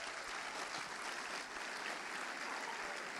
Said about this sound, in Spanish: Un aplauso al Señor.